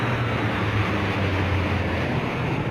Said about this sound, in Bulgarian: Изтребители оглушиха небето над столицата.